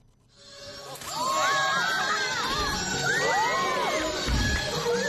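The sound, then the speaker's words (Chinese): An audience watching a Qinqiang opera performance at a film and television base in Chang'an District, Xi'an, Shaanxi, China bursts into cheering, many voices whooping and shouting over one another. The roar rises quickly after a quiet start and stays loud and sustained throughout. “在西安市长安区的一家影视基地内，秦腔演员的表演引得现场观众驻足围观，阵阵叫好声不绝于耳。”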